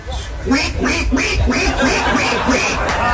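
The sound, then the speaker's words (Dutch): A person imitates a duck, redoing a duck call that failed to come through on Radio 2 that morning, with a rapid series of loud, nasal quacks, about eight in steady rhythm. “De eend kwam niet door op de radio,”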